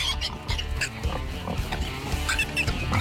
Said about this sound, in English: Listen all day Monday through Friday and be the correct caller when you hear the pig squeal.